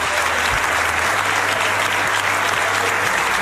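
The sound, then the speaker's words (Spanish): Sustained applause from a large crowd in the Andalusian parliament chamber as Juan Manuel Moreno is confirmed as president of the Junta de Andalucía, a dense, steady wash of clapping with no pauses and no voices standing out. “Pues con ese aplauso de la Cámara se daba ya por anunciado que Juan Manuel Moreno revalidaba su puesto al frente de la Junta de Andalucía por 4 años más”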